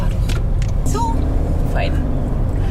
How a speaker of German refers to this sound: muss ihr Auto wenden und eine andere Route nehmen.